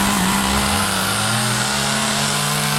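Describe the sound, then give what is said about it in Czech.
A chainsaw runs steadily as a woodcarver carves wood in front of visitors at Loučná nad Desnou in the Šumperk region, Czech Republic, making a bear sculpture for a marble run, a loud, continuous buzzing motor drone whose pitch dips and rises slightly, with no voices. “Řezbáři a dřevosochaři tradičně tvoří svá díla pomocí motorových pil před zraky návštěvníků.”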